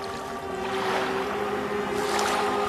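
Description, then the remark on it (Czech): Rising water sloshes and laps steadily, a continuous wash of waves with no voices, swelling a little louder toward the end. “Podívej, jak voda soupá.”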